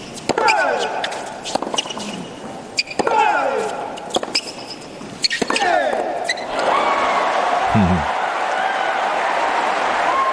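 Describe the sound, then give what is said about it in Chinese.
A series of sharp, hard impacts rings out, then a steady wash of spectators' applause and cheering for the player Diafu (迪亚福) at a match rises and holds loudly through the final seconds. “观众也是在给迪亚福加油啊，他们对于现场的观众来说，他们希望看到一场争夺更激烈啊、更精彩的比赛。”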